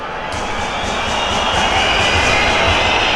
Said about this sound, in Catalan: Acaba el partit així a Mestalla. Xiulits, escolteu.